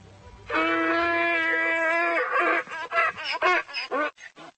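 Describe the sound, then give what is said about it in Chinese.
Tommy, a rescued miniature donkey at a zoo, brays loudly: one long, sustained harmonic honk, then a series of rhythmic, wheezing hee-haw pulses that fade out toward the end. “汤米是一头迷你驴，在德克萨斯州任何大小的驴都比较常见，这个小家伙很快就会找到一个高大帅的新朋友，开启人生的新篇章。”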